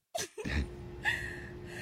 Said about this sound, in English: Okay. Yeah, I can still hear you breathing.